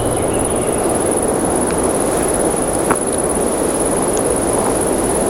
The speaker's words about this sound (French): C'est la brise du vent qui passe dans la forêt. Forêt de conifères avec ses troncs dressés comme des mâts.